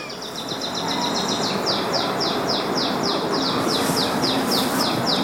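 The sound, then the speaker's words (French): Birds chirp in a steady run of quick, high repeated notes over a constant outdoor hiss, with no voices present. “Vous avez des questions aux oiseaux alors?”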